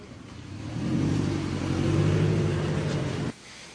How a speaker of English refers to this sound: There she goes, driving away, Mary Pelota, not wanting to answer questions about how she treats her staff.